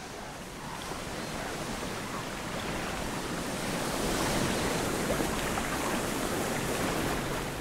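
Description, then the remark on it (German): Steady rushing surf of Baltic Sea waves mixed with gusting wind along a coast of large boulders, a dense continuous wash that swells slightly louder midway, with no voices present. “Die großen Findlinge bieten Schutz vor Wellen und Wind.”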